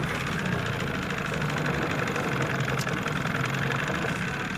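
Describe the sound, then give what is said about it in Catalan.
A car engine, started with an ignition key, idles steadily, a constant low rumble with a faint rhythmic knock running through it, with no voices and no change in level. “Arrencam el cotxe amb una clau de contacte.”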